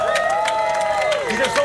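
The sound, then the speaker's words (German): A crowd claps and cheers loudly for two performers for a couple of seconds, with dense steady clapping under rising whoops and shouted voices from the audience. “okay, mach mal einen fetten Applaus für die beiden.”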